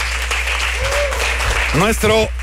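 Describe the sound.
A crowd applauds with a steady, dense patter of clapping throughout after a performance by a band and its singer, at a concert broadcast on Radio Universidad Veracruzana, and a voice speaks briefly over it near the end.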